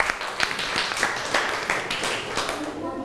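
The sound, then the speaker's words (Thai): An audience applauds for the next dessert artwork entry, a steady, dense patter of overlapping claps that stays fairly loud for the full three seconds, with a faint murmur of voices underneath. “เราไปดูขนมหวานจานต่อไปกันครับขอเสียงปรบมือให้ขนมหวานจานต่อไปหน่อย”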